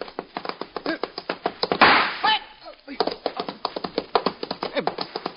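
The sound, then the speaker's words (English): A horse ridden by a woman gallops in a quick, steady drumming of hoofbeats, breaks off for a rushing burst as it clears a road gate, then lands and keeps galloping at the same brisk rhythm. “What a magnificent jump.”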